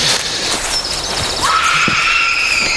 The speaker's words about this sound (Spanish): ¿Habéis oído eso? Sí, parecía un grito, ¿no? O algo así. La verdad es que bastante inquietante.